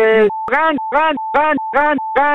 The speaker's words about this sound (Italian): E quello è il clacson dei veneti. Loro hanno questo clacson qua.